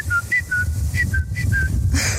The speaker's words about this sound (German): Da ist so ein ganz bestimmter Vogel, den ich da früh immer höre. Und das ist für mich irgendwie das Zeichen von Frühling. Dieser.